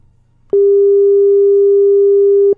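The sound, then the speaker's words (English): A single loud, steady electronic phone tone sounds for about two seconds, starting and stopping abruptly, like a ringback tone on a call, with faint low hum before it. “Your phone, they ring.”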